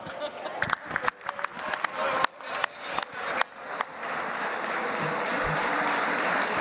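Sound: standing audience applauding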